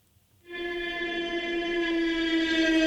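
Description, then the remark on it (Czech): A drone flying overhead, demonstrated by the firm Neuron Soundware, which works on detecting flying drones by sound: after a brief silence, a steady, buzzing whine with a rich harmonic tone kicks in and holds one pitch, slowly growing louder. No one speaks. “Takové zvuky nechcete, abyste slyšeli, že vám to letí nad hlavou, to je přahý dron.”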